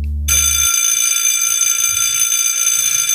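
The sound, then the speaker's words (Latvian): An electric school bell rings loudly and without a break, marking the end of a lesson, a harsh metallic clatter that starts abruptly after a brief low thump and holds steady to the end. “Kādas sajūtas tev ir sadzirdot to skolas zvanu?”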